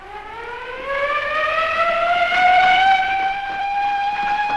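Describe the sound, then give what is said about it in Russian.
A loud factory alarm siren wails steadily in a factory workshop, signalling workers to gather with rifles, its pitch rising slowly and then holding at a sustained howl, with strong overtones and a faint rumble underneath. “По сигналу сирены цех заполнили рабочие с винтовками в руках.”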